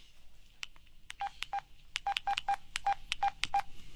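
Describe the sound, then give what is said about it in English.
A telephone number is dialed on a keypad: a quick, slightly irregular run of about a dozen short electronic beeps in varying pitches, heard alone without any talking. “I wonder if I should try the number he gave me.”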